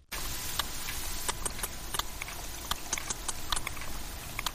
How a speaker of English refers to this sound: It's got a bit of a beat to it, hasn't it? Well, that click is the sound of a sperm whale recorded off the coast of Ibiza.